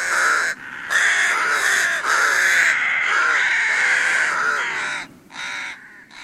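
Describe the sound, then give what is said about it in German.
A loud, dense chorus of rooks cawing over one another in winter in Halle, with light snow lying on the park and landscape, harsh overlapping calls filling nearly the whole stretch, with a couple of brief lulls near the end. No one speaks. “Das sind Saatkrähen und die kommen im Winter vor allen Dingen.”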